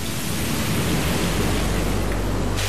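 Steady, heavy rain on Mount Huangshan, China, hisses loudly and evenly throughout, with a low, rolling rumble of thunder underneath. No voices are heard.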